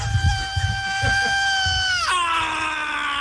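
A long, piercing high scream held steady over pounding drums and heavy live metal, then sliding sharply downward in pitch near the end while the band keeps driving underneath.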